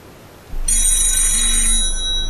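A telephone rings with a bright, continuous bell tone, bringing the first messages from Carinthia; it begins abruptly after a short pause and carries on steadily and loudly, with no voices.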